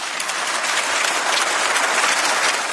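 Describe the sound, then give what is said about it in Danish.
An audience applauds Ursula von der Leyen's speech, a dense wash of many hands clapping at an even, fairly loud level throughout, with no voices heard. “Ja, hun høstede et bifald her.”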